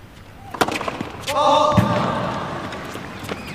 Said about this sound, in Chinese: 这个球直接撞在了我们评论员评论席前面的这个挡风玻璃上。